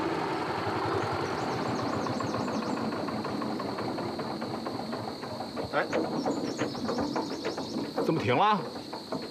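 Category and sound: vehicle, tractor engine running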